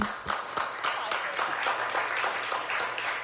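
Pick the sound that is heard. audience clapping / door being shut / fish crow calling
audience clapping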